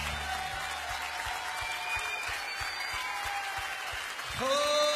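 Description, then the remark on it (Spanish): An audience applauds God steadily in a dense, sustained wash of clapping over a low rhythmic thumping beat, and a held musical tone swells in just before the end. “Aplaudale a él.”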